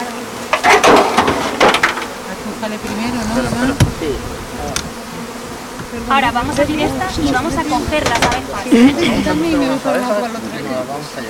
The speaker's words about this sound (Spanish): Ahora vamos a abrir estas y vamos a coger las abejas. Ahora, para que la gente que no ha tenido la oportunidad de bajar pueda ver las abejas.